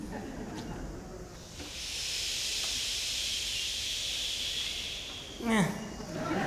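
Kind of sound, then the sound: vocal imitation, audience imitating ocean waves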